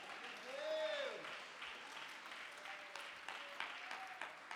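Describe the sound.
An audience at a church service claps steadily to glorify the Lord, a dense wash of many hands with scattered sharper claps. A voice calls out a rising and falling cry near the start.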